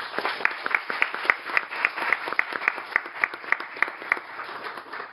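Audience applause for the honorees at a formal opening session, with a steady, even rhythm, roughly four sharp claps per second sounding over a dense bed of scattered clapping, holding at a constant moderate loudness with no voices.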